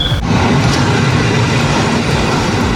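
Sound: train clattering along rails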